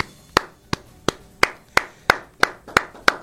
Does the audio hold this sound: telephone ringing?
no